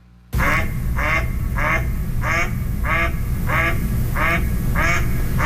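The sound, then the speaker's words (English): A mallard duck quacks steadily, about nine evenly spaced rasping calls over a few seconds, loud against a low background rumble, with no one speaking. “That's a typical duck quack.”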